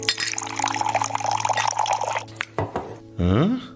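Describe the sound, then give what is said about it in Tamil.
Strong tea being poured: liquid pours and splashes steadily for about two seconds, followed by a few quick glassy clinks, then a short final pour whose pitch rises as the glass fills. “அண்ணா ஸ்ட்ராங்கா ஒரு டீ போடுங்க.”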